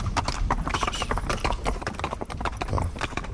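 Horse hooves clop steadily on a hard surface, a dense run of sharp knocks, fairly loud, with faint speech murmuring underneath.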